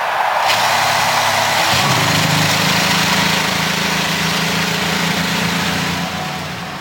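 A loud roar as the engines of a field of 33 race cars fire up together at the start of the 108th Indianapolis 500-mile race, then settle into a steady, throbbing idle that holds for several seconds before easing slightly at the end.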